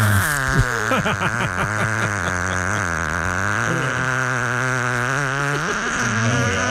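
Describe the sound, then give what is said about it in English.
A very long fart rasps on without a break for nearly seven seconds, its low buzzy pitch wobbling up and down while staying loud and steady. “That's the longest fart ever in the history of Guess Who's Gas.”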